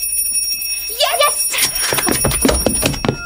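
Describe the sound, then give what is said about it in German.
A mother rings a small hand bell on Christmas Eve at the Martinshof, to call everyone into the Christmas room. It rings steadily with bright, high shimmering tones that carry throughout, while several voices murmur and talk over it from about a second in. “Erst muss meine Mutter mit dem Glöckchen läuten.”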